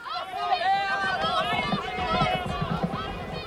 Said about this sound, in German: Als er den Platz betrat, näherte sich das erste Rennen gerade dem Höhepunkt und er hörte die Rufe der Zuschauer.